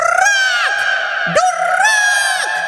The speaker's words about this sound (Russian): И еще долго слышно было, как попугай кричал.